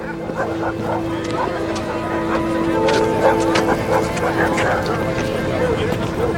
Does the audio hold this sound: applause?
no